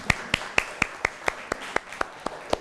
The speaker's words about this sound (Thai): โอเคค่ะขอเสียงปรบมือให้เพื่อนหน่อยค่ะ